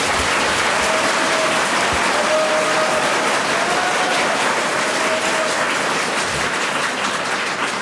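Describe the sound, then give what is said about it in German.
Steady, dense applause from an audience for Qualtinger, the second round of an applause vote, a continuous wash of many hands clapping at a fairly loud, even level for several seconds, with a faint thin tone drifting underneath and no one speaking. “Zweiter Applaus für den Präsidenten und kleinen Steuerzahler Qualtinger.”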